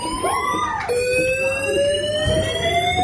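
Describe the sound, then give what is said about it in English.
A loud restaurant fire alarm, set off by someone with no fire, blares continuously for 30 minutes, its piercing electronic tone holding steady with a slight pitch shift partway through, filling the restaurant with no voices. “Someone had set off the restaurant fire alarm so everyone could hear this non-stop.”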